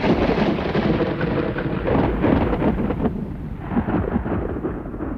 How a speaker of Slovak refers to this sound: Ale keď sa blížilo k 10. hodine, ďaleko na západe zahrmel prvý hrom a jeho zvuk sa prevalil ponad polia.